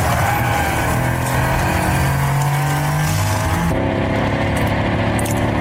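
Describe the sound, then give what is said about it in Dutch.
A deep, V8-style engine roar from a new Mercedes electric sports car, its electric motor made to sound like a V8 combustion engine, rumbling and revving steadily for several seconds, loud, with a sudden shift in tone near the end and no talking. “Dat klinkt als een verbrandingsmotor. Dat klinkt als een V8. Ja. Maar het is een elektromotor.”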